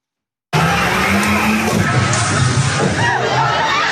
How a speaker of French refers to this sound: Un vrombissement et des cris. Des dizaines de jeunes s'enfuient face à un véhicule lancé à vive allure. Ces images tournées lundi pendant une mobilisation lycéenne à Dunkerque montrent un 4x4 de police accéléré, puis faire marche arrière